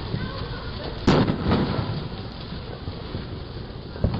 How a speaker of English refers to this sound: Those are other fireworks going on.